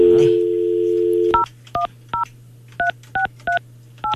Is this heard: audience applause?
no